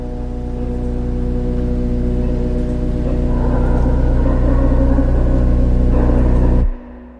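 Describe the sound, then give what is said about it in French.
An Israeli army Hermes 900 MALE UAV military drone, a light blue or white aircraft with a 16-metre wingspan weighing 1,100 kg, buzzes in a loud, steady drone with a layered, humming pitch. It grows slightly harsher midway, then cuts off abruptly just before the end. No one speaks. “C'est un drone mâle UAV, Hermès 900, de l'armée israélienne.”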